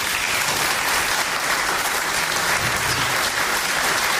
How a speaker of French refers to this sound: on peut déjà les applaudir très fort.